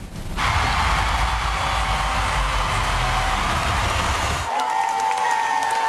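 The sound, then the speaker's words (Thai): Loud, dense applause fills the hall on America's Got Talent as judge Mel B presses the Golden Buzzer for a 16-year-old contestant from Phuket, Thailand, and gold ribbons float down: a steady wash of clapping with crowd noise for about four seconds, then cutting to quieter sound with a faint tone. “ก็ท่ามกลางเขาบอกว่าเสียงปรบมือดังกึกก้องกันทั่วทั้งหอทีเดียวไปชมภาพบรรยากาศกันครับ”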